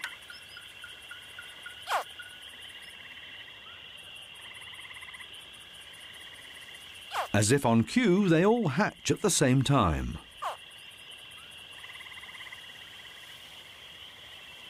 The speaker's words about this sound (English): After 3 months, the crocodile babies are finally hatching from their eggs. The mother has hidden the nest underneath a mound of plant remains. Once they are fully developed inside their eggs, the baby crocs begin to chirp.